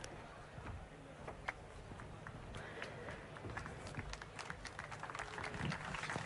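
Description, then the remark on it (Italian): An audience applauds steadily as Federico Iadicicco, president of Ampit, takes the stage for a dialogue with Francesco Giorgino, with dense overlapping claps forming a continuous crackle at a fairly even level throughout. No one speaks over it. “Grazie, grazie per l'applauso che immagino è rivolto a Iadicicco, perché ormai con me avete una certa consuetudine, una certa frequentazione.”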